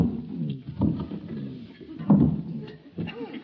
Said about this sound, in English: I think I'll move my chair a little closer to the fire. Just a minute. What? I'll move your chair. That's a man's job. Well... It's too heavy for a dainty little thing like you. I'll handle it.